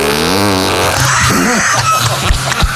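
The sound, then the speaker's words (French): A real fart, long and loud, starting as a wobbling buzzy tone and breaking into rough, sputtering bursts for nearly three seconds, with no talking. “Ça c'était le vrai.”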